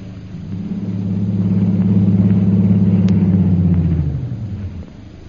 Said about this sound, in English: As her plane is being warmed up for its long flight to Upper Burma,